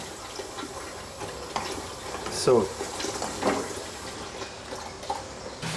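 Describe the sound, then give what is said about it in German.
Water pours steadily into a container with a splashing, bubbling gurgle that rises and falls over several seconds, while a person says a brief word. “Und jetzt gehen wir das Wasser in die Fische rein.”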